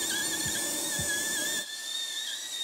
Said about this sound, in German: Da sieht man schon den Boden hier von der Karies. Da sehen wir, sind wir am Boden. Müssen wir noch da ein kleines bisschen hier hinten sauber bohren.